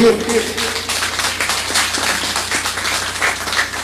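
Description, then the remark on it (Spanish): An audience applauds at a municipal community event in San Francisco del Alto, steadily for about four seconds, a dense wash of overlapping claps at an even, fairly loud level, with a low steady hum underneath. “¡Que ambos un aplauso!”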